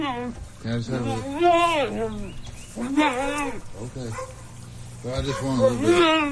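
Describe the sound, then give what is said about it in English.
A mule brays loudly in several harsh, rising-and-falling bursts, each a strained honking call, repeated three times with short pauses between and a low steady hum underneath. “Loudmouth mules and goats aside”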